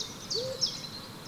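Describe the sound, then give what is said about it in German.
A single short, soft hoot from an owl in an oak tree rises and falls once against a quiet nighttime backdrop of steady high-pitched insect chirring, with no one speaking. “Von dem Jammern geweckte Eule, die in der nächsten Eiche hauste, rief heraus: Ey Schlange, was los?”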